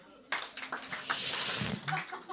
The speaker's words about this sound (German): starten wir mal beim Ein-Punkte-Applaus, der Strafapplaus, ein Applaus, der wehtun soll